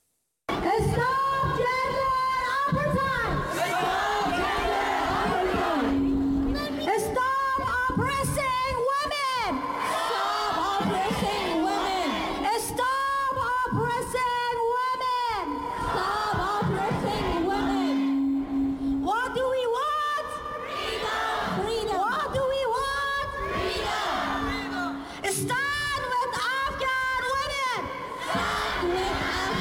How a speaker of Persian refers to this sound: شمار از مهاجران افغانستان در ونکوور تجمع اعتراضی برگزار کردند. آنان علیه طالبان شعار دادند و با سخنرانی، نمایش تمثیلی و شعرخوانی از زنان افغانستان حمایت کردند.